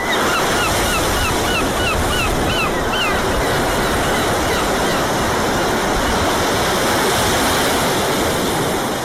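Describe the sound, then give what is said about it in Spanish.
Seagulls call in a quick run of repeated squawks during the first few seconds, over a steady, loud wash of ocean waves breaking on the shore. “Me empieza a oler un poquito el culo a gaviota.”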